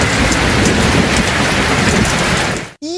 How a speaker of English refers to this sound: The sound of rain falling. Oh, that's a good one. Is rainfall a satisfying sound?